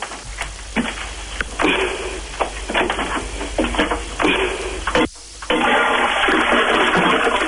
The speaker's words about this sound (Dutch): Toilet doorspoelen, hoe gaat dat?